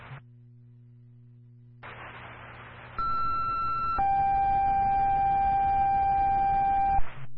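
A burst of radio static gives way to a New Milford Fire dispatch cancel tone, cancelling its response to a fire alarm in Bridgewater at 12:20: a short, steady higher beep followed by a longer, lower sustained tone, both loud over the hiss, then the static clicks off.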